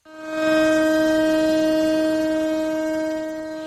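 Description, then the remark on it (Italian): A memorial siren in Israel, marking a minute of silence for the victims of the Hamas attacks, sounds one long, steady, unwavering tone, loud and held for the whole stretch with rich harmonics, fading slightly toward the end. No one speaks. “Una sirena, un minuto di silenzio, il paese si è fermato.”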